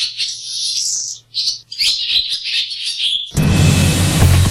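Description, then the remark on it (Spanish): Birds chirp and trill in quick, high-pitched bursts, lively, with a faint low hum beneath; near the end a louder, dense wash of sound abruptly takes over. “Ahora es la ley la que marca esta protección, pero somos todos los que podemos contribuir a que estas aves sigan estando entre las grandes protagonistas de la naturaleza en la primavera.”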